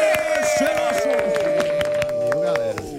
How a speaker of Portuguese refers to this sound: Muitas palmas e gritos histéricos para ….